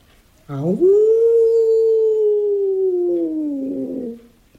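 A single long, drawn-out wolf howl rises quickly, then holds a steady tone for several seconds before tapering off, loud with no other sounds around it.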